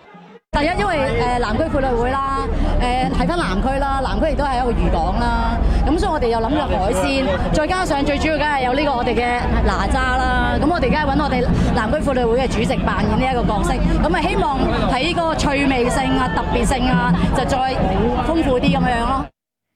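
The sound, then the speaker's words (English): A dense crowd packed along waterfronts in Hong Kong cheers and shouts on competing dragon boat teams at a race, a loud, steady wall of overlapping voices that carries on without a break for nearly twenty seconds. “Now, crowds also packed waterfronts across Hong Kong to cheer on competing dragon boat teams, with some racers turning heads by dressing as sea creatures.”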